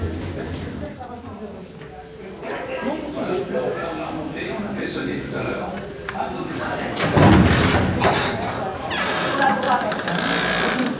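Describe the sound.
Sliding doors open with a brief rushing burst partway through, set against steady crowd murmur and people talking.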